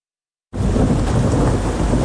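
A thunderstorm begins abruptly after a moment of silence: steady, loud rain with a deep rumble of thunder rolling underneath, continuous, with no voices.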